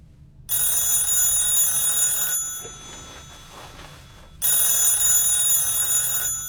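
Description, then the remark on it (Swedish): A telephone rings twice in a quiet bedroom at home, each a loud bright bell burst lasting about two seconds, separated by a quieter pause with faint room noise. “Men just när han ska somna ringer telefonen.”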